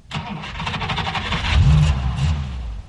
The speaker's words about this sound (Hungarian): McLendon begyújtotta a motort, és átvette a vezetést.